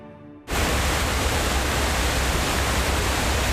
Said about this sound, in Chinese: 东越边境水砸出来的地方，得天瀑布日夜轰鸣，而山脚下的硕龙镇却藏着另一场味觉风暴。